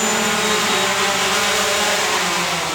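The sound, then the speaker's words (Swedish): A steady, loud engine drone from a white fixed-wing delivery drone with a 2.5-meter wingspan, resembling a small glider, coming in to land during delivery tests; a continuous whirring hum with a faint high whine and no voices. “Det ser ut som ett miniflygplan, ett vitt. Det påminner nästan lite om ett segelflygplan till utseendet. 2,5 meter i vingspann.”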